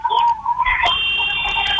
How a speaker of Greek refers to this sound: Ακούστηκε η κόρνα, επιστρέφουν οι παίκτες τσάκ από το time out.